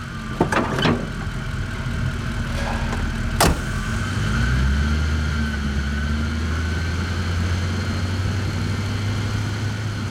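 A few sharp clicks and a whirring crank as the start button is pressed, then a tow truck's big engine catches around the midpoint and settles into a steady, deep idling rumble, loud, with no voices.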